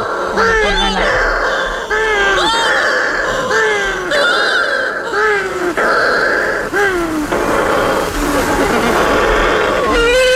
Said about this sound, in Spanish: Cuando se pone la luna, en la oscuridad total, cuando no hay luz, para que las gaviotas no encuentren los nidos, es cuando entran las pardelas.